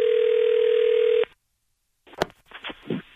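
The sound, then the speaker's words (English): A steady telephone dial tone hums loudly for about a second during a prank call to a department store's customer service, cuts to silence, then faint clicks and muffled line noise follow. “It's our phone prank.”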